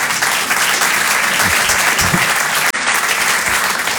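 Sustained audience applause fills the whole stretch, a dense, steady wash of many hands clapping, loud and continuous with only a brief dip near the end.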